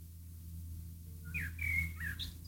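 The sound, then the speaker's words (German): A bird chirps outside in front of a studio, giving a quick run of bright, warbling tweets and short whistles, fairly faint, over a steady low background hum. “Hier zwitschert die ganze Zeit vorm Studio wie verrückt ein Vogel.”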